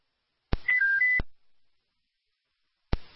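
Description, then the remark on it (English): Fire department dispatch alert tones for a town fire alarm call: a short burst of three quick pitched beeps stepping between two notes, framed by radio squelch clicks, followed by silence and another click of a radio key-up. “Fire alarm from the town.”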